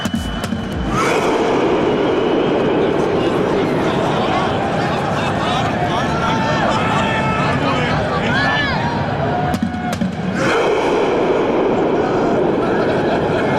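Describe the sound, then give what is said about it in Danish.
A large stadium crowd roars and chants together in a rowing chant started by the Norwegian national team, celebrating reaching the round of 16; a dense, loud, continuous wall of voices, with a brief dip near the end before the noise surges back up. “Sådan en ting, de havde kørende deres tilskuere under kampen, og så da de så havde vundet det hele, så var det simpelthen det landsholdet selv, der satte gang i den her roningslyd.”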